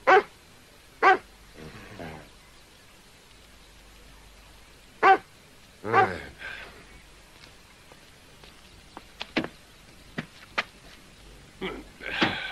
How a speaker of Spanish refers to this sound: A ese perro lo van a matar si sigue ahí en la carretera. Oye, ¿qué le pasa a este perro?